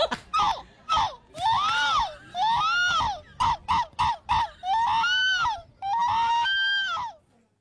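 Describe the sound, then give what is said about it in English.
A human voice imitates a seagull at a pro event of humans trying to be seagulls, giving a run of loud, harsh, arching squawks: short yelps first, then longer wailing cries with rising and falling pitch, separated by brief gaps. “I think it's a human sounding like a seagull.”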